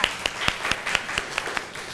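A group of students clapping together for their classmates' group presenting in class, in a steady, even rhythm, about four sharp claps per second, moderately loud and continuing throughout with no talking.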